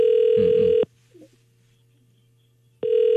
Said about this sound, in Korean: 아유, 신호가 가는데 전화를 안 받으시네요.